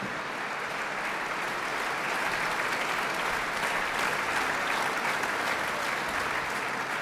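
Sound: concert audience applause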